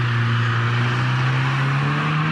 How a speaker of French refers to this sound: Je vis la voiture disparaître au coin de la maison.